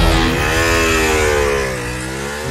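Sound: motorcycle engine revving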